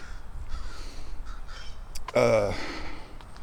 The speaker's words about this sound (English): So I'm walking down the street. There's a crow over there somewhere.